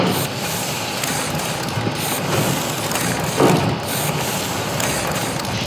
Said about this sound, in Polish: A ten wyskakuje i chowa się. Oj, coraz szybciej to robi. To tłok, który pod wpływem ciśnienia pary wodnej porusza się w jedną i w drugą stronę. I jest przyczepiony do takiego kółka, które zaczyna coraz szybciej się kręcić.